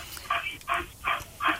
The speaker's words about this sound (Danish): Har du en hund, der står og puster i røret ved siden af? Ja, det er Jensen. Nå, jeg har faktisk hørt, at Jensen står og puster i røret ved siden.